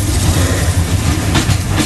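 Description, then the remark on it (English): A slow local train rumbles steadily along the rails, a loud continuous low-frequency roar with a faint rhythmic clatter and a brief brighter rattle near the end. “This train's taking forever.”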